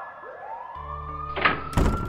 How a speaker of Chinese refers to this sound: 看到没，对面楼好像着火了。 哎呀，我看到了，太恐怖了，浓烟滚滚的，还好消防车到了。